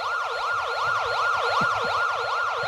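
An ambulance siren wails in a fast, repeating up-and-down yelp, loud, holding steady throughout over a low rumble of traffic.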